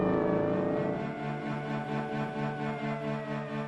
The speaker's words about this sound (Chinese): 冷冷清清的大街上，不时有警车和摩托车驶过。宁静的夜晚，车子的轰鸣声显得格外尖锐。